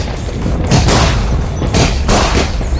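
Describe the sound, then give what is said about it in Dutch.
Several firework explosions go off in quick succession, sharp cracks with deep booms over a constant low rumble, loud. No one speaks. “We mogen dus geen vuurwerk meer afsteken.”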